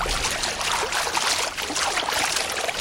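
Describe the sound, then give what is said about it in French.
Gentle lapping of water, a steady babble of small splashes and trickles with no pauses, moderately loud and heard alone without any voices. “Le doux clapotis de l'eau”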